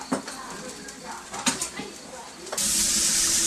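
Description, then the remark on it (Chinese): A few light clinks and stirring sounds, then a sudden loud, steady rush as water is poured into a pot of stir-fried free-range chicken for braising, hissing and splashing continuously until the end. “将炒熟后的土鸡加水焖煮，开锅后再将鸡肉连汤一起盛入炖锅中，直到这时珍贵的腌耳才真正登场。”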